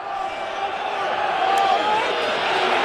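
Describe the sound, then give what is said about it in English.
A meagre stadium crowd at Ellis Park roars during a rugby match against the All Blacks, in a steady, continuous wash of voices, holding loud throughout and swelling slightly toward the end, with a few whistles cutting through. “The meagre crowd here, Ellis Park finding their voice.”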